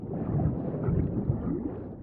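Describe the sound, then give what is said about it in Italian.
A deep, continuous rumble of thunder from an approaching storm rolls steadily for a couple of seconds, heavy in the low end and fairly loud, with no voices over it. “Una terribile tempesta era alle porte.”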